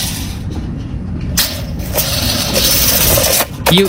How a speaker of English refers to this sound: Is that a tape measure rolling back up? Yeah, it is. It is.